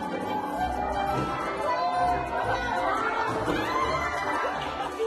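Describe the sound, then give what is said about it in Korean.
An excited crowd of visitors at an underwater viewing window in Ulleung cheers and calls out as a man appears and starts cleaning the window, children's shouts and lively chatter blending into a steady wash of noise that lasts the whole time. “그때 갑자기 등장한 한 남자. 사람들의 환호를 받으며 멋있게 나타나더니 창문 청소를 시작합니다.”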